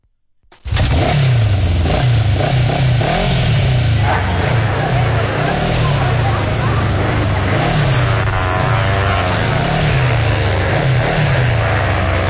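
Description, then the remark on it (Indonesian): Loud motorcycle engines rev continuously, their pitch surging up and down again and again as they race, filling the whole recording with a harsh, droning roar. “Bukan main ini anak-anak, peribut ke sana dorong pe motor.”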